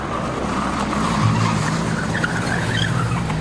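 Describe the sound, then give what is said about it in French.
A car roars away with tires squealing and skidding, a loud, continuous rush of engine and road noise lasting a few seconds, with no voices; the SS car carrying Léon and Jeanne Blum away on the evening of 3 April 1945. “Ce soir-là, lui et Jeanne Blum sont embarqués par les SS dans une voiture.”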